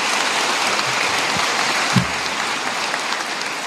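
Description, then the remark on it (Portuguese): A church audience applauds Jesus steadily, a dense, continuous wash of many hands clapping at an even loudness, with a couple of brief low thumps partway through. “Vamos aplaudir a Jesus.”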